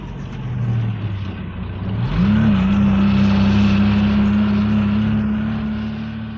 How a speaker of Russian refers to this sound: Дорога становится все круче. Чем дальше, тем глубже снег. Машина буксует, и мы подталкиваем ее.